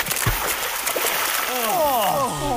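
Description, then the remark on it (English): Splashing into the pool of a waterfall as people wash itchy skin, against a steady rush of falling water, with a couple of quick splashes early on, followed by drawn-out vocal sounds from people. “Quick, wash in the pristine waters of the falls.”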